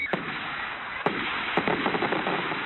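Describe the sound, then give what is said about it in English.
Fireworks go off in a quick series of sharp bangs and crackles, a few louder pops spaced out and followed by a cluster of smaller bursts over a steady noisy background, with no talking. “Jake and John's Discount Fireworks Superstores in Friend and Melford, Nebraska. Clean, dry fireworks, because tents are for campers.”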